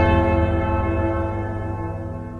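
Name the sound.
bell tolling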